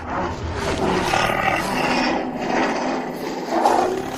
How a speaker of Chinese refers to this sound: 狼群中有着严密的等级制度，进食的时候也要遵守，吼叫和露出獠牙能强调自己的地位。